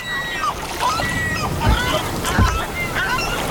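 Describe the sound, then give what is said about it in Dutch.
Oars dip and splash through water as a boat is rowed toward a beach, with two distinct strokes about a second apart over a steady wash of water and faint high cries in the background. “Oh, we zijn bijna bij het strand, hè, Leon? Ja, nog een stukje roeien.”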